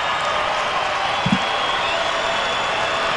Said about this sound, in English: This crowd getting loud.